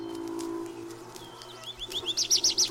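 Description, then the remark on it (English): Birds sing in spring in bright, high chirps, starting with scattered calls and building into a loud, rhythmic run of repeated notes, over a low, steady background hum. “It is spring. The birds are in full song.”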